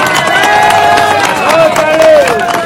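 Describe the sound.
A crowd applauds with loud, steady, irregular clapping, while drawn-out cheering voices and a rising-then-falling whoop ring over the top.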